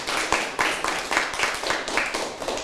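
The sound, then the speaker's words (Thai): A group of students in a class claps together for a classmate who answered a question correctly, in loose, overlapping bursts, a steady ragged patter of many hands that holds at a moderate level for a few seconds with no talking. “ถูกต้องค่ะเก่งมากปรบมือให้เพื่อนหน่อยค่ะ”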